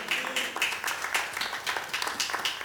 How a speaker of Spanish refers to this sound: Démosle palmas al Señor, hermano.